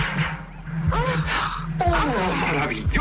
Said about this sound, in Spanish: ¡Oh, maravilloso! ¡Qué hermoso eco!